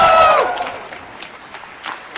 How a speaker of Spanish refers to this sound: Está, sale de su oficina y la gente, la verdad, que la aplaude de una manera, pero muy fuerte. Ella sonríe, mira a la gente, la siguen aplaudiendo.